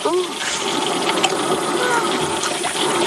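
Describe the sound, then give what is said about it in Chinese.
Pork belly with fermented rice wine lees (jiuzao) fries golden in hot oil for kou rou, with a loud, steady sizzle, dense crackles and pops layered over a continuous bright hiss for the full three seconds. “哇，小心油啊，把它炸成那个金黄色。”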